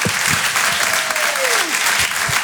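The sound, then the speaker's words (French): Steady, dense applause and cheering from an audience at a live Rire et Chanson broadcast fills the whole moment, with a single whistle sliding down in pitch partway through. No one speaks over it. “Faites un maximum de bruit et encouragez, s'il vous plaît, PV sur Rire et Chanson.”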